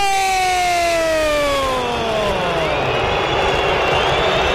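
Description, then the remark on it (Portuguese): Corinthians fans boo in a loud, sustained roar at the Itaquera stadium as the match ends in a 1-0 loss to Santos in the Campeonato Brasileiro, with a long tone sliding steadily downward in pitch over the first few seconds before the crowd noise carries on alone. “Vaias da Fiel, festa do Peixe na casa Itaquera.”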